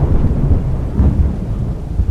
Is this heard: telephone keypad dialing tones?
no